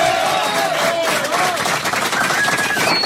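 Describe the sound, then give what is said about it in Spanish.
Loud, dense applause from a crowd, a continuous crackle of clapping lasting the whole few seconds, with shrill whistles rising above it. “Bueno, estamos grabando el 11º disco, disco número 11, fuerte el aplauso.”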